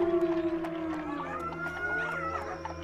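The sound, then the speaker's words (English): Several koi dogs, wild dogs like coyotes, howl together as a pack from the woods. Their long wavering cries overlap and slide up and down in pitch, with a steady low rumble beneath the chorus. “Nah, those are just koi dogs, but they don't usually come out this early.”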